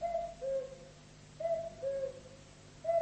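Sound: cuckoo calling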